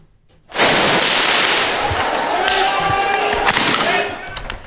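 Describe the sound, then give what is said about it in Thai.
A steady roar of crowd and street noise is punctuated by several sharp, cracking bangs in quick, irregular succession as protesters fire flares at riot police on a street in Paris amid tear gas smoke and shouting, during student protests in France. “กลุ่มผู้ประท้วงยิงพลุไฟใส่ตำรวจปราบจราจรบนถนนสายหนึ่งในกรุงปารีสท่ามกลางกลุ่มควันจากแก๊สน้ำตาที่ลอยฟุ้งกระจายไปทั่วบริเวณหลังเกิดการเผชิญหน้ากัน”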